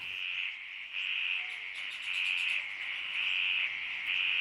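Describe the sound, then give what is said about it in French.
A dense chorus of frogs calling around a pond at Coily Alpha the morning after rain, around 8 a.m., a continuous high-pitched trilling that swells and eases in regular waves, steady and fairly soft, with no voices. “Donc là, nous entendons des sons de grenouilles autour d'une mare à Coily Alpha le lendemain d'une pluie.”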